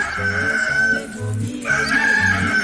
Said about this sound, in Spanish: Ya cantó el gallo, muchacho y muchachas.